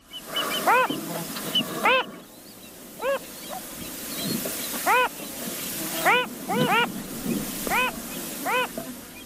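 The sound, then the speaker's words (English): A male phalarope sings in short, nasal, rising-and-falling notes, given singly and in quick pairs or triplets at irregular intervals over a low, steady background hiss. “Like many fathers, the male phalarope tries to sing with usually more enthusiasm than melody.”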